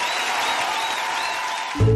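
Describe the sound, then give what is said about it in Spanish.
Sustained applause from a large crowd, a dense wash of clapping at steady loudness that fills the whole stretch before cutting off abruptly with a brief low thump. “¡Ese aplauso”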